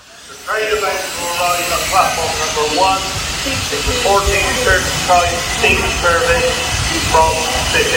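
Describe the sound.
A train rolls through a station with a steady, loud rumble and hiss that sets in after a brief quiet moment. Voices carry over the noise throughout, including a platform announcement that this train will form the 16:30 all-stations steam service to Bishop Lydiard.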